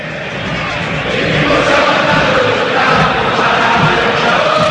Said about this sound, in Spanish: El pueblo blanco y rojo, el pueblo millonario grita en el Monumental.